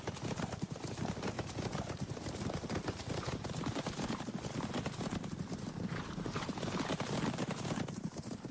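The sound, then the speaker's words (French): Horse hooves clip-clop in a steady, rapid rhythm throughout, fairly loud, the dense overlapping hoofbeats suggesting several horses moving together, with no voices heard. They are small, very rustic Aragonese mountain horses, called jinetes. “Ce sont des chevaux aragonais, ce qu'on appelle des jinetes, qui s'apparentent un peu aujourd'hui au potoc basque.”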